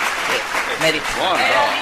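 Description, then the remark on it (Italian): Steady applause from a crowd as someone comes out, a dense continuous patter of clapping at even loudness for about two seconds, with voices briefly speaking over it toward the end. “Scusa un momento, l'applauso perché esci.”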